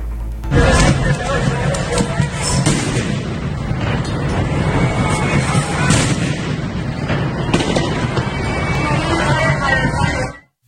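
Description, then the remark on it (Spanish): A firecracker goes off in a young man's hand with a sharp bang amid a loud, roaring crowd, with a few more pops and cracks scattered through the constant din of voices and street noise. “Un petardo le explota en la mano.”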